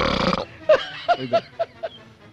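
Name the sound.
loud burp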